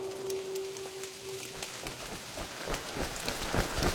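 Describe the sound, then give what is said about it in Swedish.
Steady rain patters down, with dense irregular drops striking surfaces and growing heavier and splashier toward the end; a faint tonal hum fades out early on. “Det regnar igen.”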